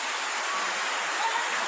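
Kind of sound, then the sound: nature, rushing floodwater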